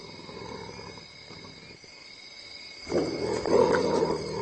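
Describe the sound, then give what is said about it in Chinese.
A low, rough threatening growl from an African civet, a mainly meat-eating animal, as it cautiously probes a honey badger; it rumbles steadily, then swells louder and harsher near the end into a snarl, with no talking. “非洲灵猫小心翼翼地试探着，并发出威慑性的咆哮声。”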